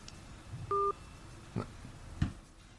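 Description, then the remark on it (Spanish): A brief, clear electronic telephone tone sounds once, a ring signal on a line as the call goes unanswered, followed by two soft low thumps against a quiet background with no one speaking. “No, lo que pasa es que... No lo coge. El teléfono él no le...”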